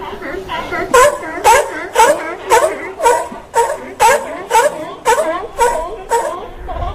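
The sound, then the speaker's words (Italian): A steady series of loud, honking seal barks, about ten in quick rhythmic succession, each harsh and throaty, filling the whole stretch. “Anche le foche bevono Radio Wombat.”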